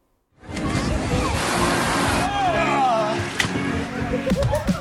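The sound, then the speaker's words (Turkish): Steady rushing, splashing water from young people swimming to cool off in a small natural pool formed by a stream in Üzümlü district on a scorching day near 40 degrees, with scattered voices and occasional shouts mixed into the busy outdoor noise. “Hava sıcak olduğu için geliyorlar burada yüzüyorlar.”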